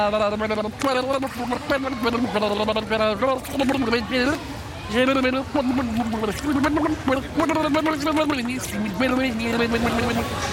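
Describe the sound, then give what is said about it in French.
A voice sings the French folk tune 'À la claire fontaine' with the mouth in water, emptying air to make bubbles, the melody broken by steady bubbling and gurgling. Fairly loud, continuous for the whole stretch. “Et pour commencer, on va commencer à le vider en faisant des bulles par la bouche et en chantant.”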